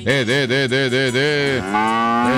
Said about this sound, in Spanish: Rebeca, Rebeca, Rebeca, Rebeca, Rebeca, la vaca del buñuelero.